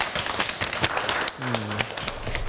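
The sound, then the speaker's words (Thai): Students clap for themselves after finishing a class activity, a dense, steady burst of applause lasting the whole moment, with a brief low hum or voice-like tone partway through. “ขอบคุณนักเรียนมากครับที่ได้ทำกิจกรรมอย่างสนุกสนานและก็สำเร็จไปได้ด้วยดีนะครับนักเรียนทุกคนปรบมือให้ตัวเองหน่อยครับ”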